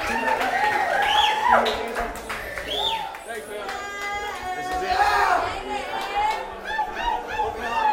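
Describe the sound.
A crowd at a live hip-hop show at Humbrews cheers and whoops loudly, with scattered clapping mixed in, a dense, sustained roar of voices lasting the whole stretch with rising shouts rising above it.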